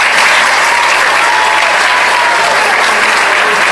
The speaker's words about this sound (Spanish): El aplauso nuevamente